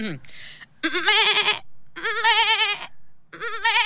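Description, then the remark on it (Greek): A person imitates a small young goat kid's bleating with three wavering, quavering cries separated by short pauses, fairly loud, the last one cut short at the end. “Αυτό στο τέλος ήταν μικρό κατσικάκι.”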